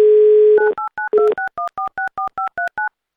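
A steady telephone dial tone hums for about half a second, then gives way to a quick, even run of about a dozen two-tone keypad beeps, ending with a short click, as radio show hosts call a listener.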